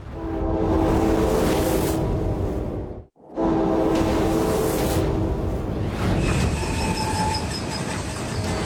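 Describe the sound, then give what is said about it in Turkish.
A heavy 1.5-kilometre-long train in Alaska roars loudly, its horn blaring through a steady rumble, cut by a brief drop, then high metallic brake squeals rise over the grinding wheels as it makes an emergency stop to avoid hitting a pile of ice on the track. “Taşıma ekibi önlerine geçen buz yığınına çarpmamak için bir acil durum duruşu yapmak zorunda. Tren oldukça ağır.”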